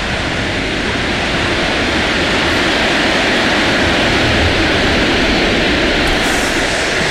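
A huge crowd at the Monumental stadium applauds and roars in an ovation for Lionel Messi, who pauses during his farewell speech. It is a dense, loud, unbroken wash of clapping and cheering that holds steady for the whole stretch with no voices standing out.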